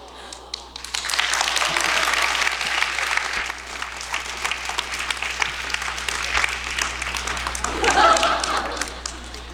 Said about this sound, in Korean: 박수가 후하시네요.